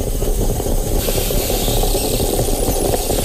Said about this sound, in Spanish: Has cambiado el sonido de la cafetera. Ahora es una cafetera italiana. Esto se llama ASMR, ¿no? O algo así.